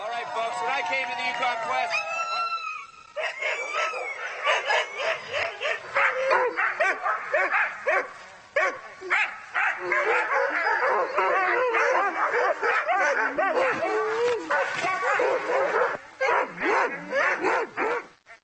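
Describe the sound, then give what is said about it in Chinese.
A dense, nonstop chorus of many excited Alaskan husky racing dogs barking, yipping and whining together in the morning before a multi-day race, loud, with overlapping high-pitched yelps filling the whole stretch. “今天早上所有狗都很高兴，他们肯定感觉到这是个重大的离别时刻。”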